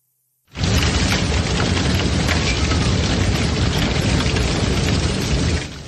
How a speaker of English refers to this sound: My goodness, listen to that storm. This was Saturday in Omaha, Nebraska. Hail is battering the back porch of this home. You can also hear the ferocity of the rain.